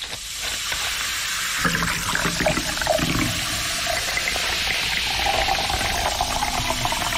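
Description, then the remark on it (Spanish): Colombiana soda pours steadily into a glass, a continuous rushing, bubbling hiss with crackling carbonation throughout, no voices. “Así suena colombiana.”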